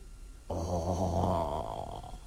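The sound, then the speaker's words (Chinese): A voice imitates a thick, gurgling rattle of phlegm stirring in the throat of a sick old man, one sustained rough rumble lasting about two seconds, fairly loud, with no other talk. “战天祥一听这话，当时这嗓呼噜呼呼呼，好像有一口痰来回直搅动，他不说话，一是他的确说话艰难”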